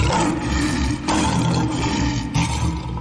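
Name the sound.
lion roaring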